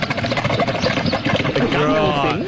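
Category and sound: animal, camel vocalizing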